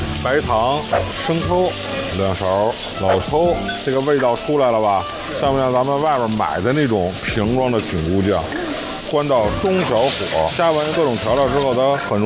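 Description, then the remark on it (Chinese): Steady, loud sizzling from mushrooms stir-frying in a hot wok turned up to high heat, after cooking wine is added around the wok's edge, continuing throughout, with a person talking over the crackling hiss for the whole stretch. “料酒通锅边儿，然后就放入咱们的这个菌菇，这会儿给它调成大火，把这个蘑菇煸出香味儿，然后煸的有一点微微的发黄”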